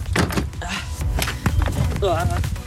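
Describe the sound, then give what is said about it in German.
A folding camping table being folded up and packed away while breaking camp on a camper-van tour through NRW: clattering and knocking of metal and plastic parts with a few sharp thunks and a brief squeak, while people talk. “Und dann wird der Tisch einfach zusammengeklappt.”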